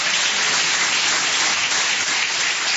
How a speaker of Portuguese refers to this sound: Cumprimento a amada igreja com a paz do Senhor Jesus, amém? Quem tem essa paz pode bater mais palmas, dar glórias.